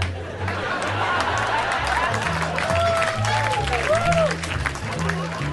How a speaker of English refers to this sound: Some of those responses, some of those laughs and claps I used for other jokes that didn't work. I will make it seem as though you fuckers laughed at unfunny shit.